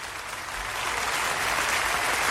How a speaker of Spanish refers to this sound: Aplausos.